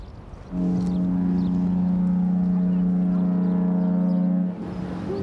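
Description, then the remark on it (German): A boat horn sounds one long, steady, low blast lasting about four seconds, loud and rich in harmonics, then cuts off, leaving faint background noise. “Hupe funktioniert.”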